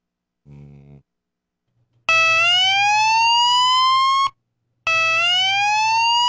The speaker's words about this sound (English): Is that better than the other alarm, or is it worse? No, I kind of like the other one. You like the other one? That one sounds like a possessed mechanical flute whistle.